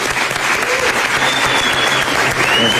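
An audience applauds steadily, a dense, loud wash of clapping that holds at an even level throughout, with a faint whistle rising above it.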